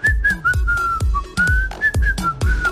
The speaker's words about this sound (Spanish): Si no silban, no les sale.